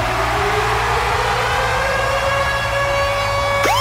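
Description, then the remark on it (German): The Virgin Radio Ticket Alarm, a siren-style jingle from the Virgin Radio morning show: a loud, steady wailing tone climbs slowly in pitch over a low rumbling bed, then breaks into a quick upward swoop at the very end. “Und zwar immer dann, wenn ihr unseren Virgin Radio Ticket Alarm hört.”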